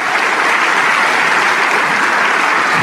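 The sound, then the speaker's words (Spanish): Loud, sustained applause from a church audience, a dense wash of many hands clapping steadily without pause for the whole few seconds, with no voices standing out; the applause is offered to Christ, the King of Kings. “Si ese aplauso es para el Rey de Reyes, aleluya.”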